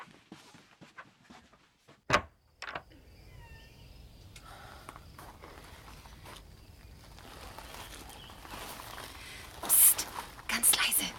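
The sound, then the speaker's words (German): A door shuts with one sharp, loud thud, quickly followed by a softer knock, at night in pitch darkness. Hushed whispering and faint night insects continue in the background afterward. “Die Tür zugemacht? Hab ich.”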